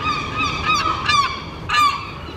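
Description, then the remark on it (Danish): Seagulls screech in a series of harsh, overlapping cries, with louder squawks rising around the middle and again near the end, with no talking. “Ja, tid til skrigende, hakkende og klattende måger, der sidder på lur for at guffe madrester fra diverse restaurantborde.”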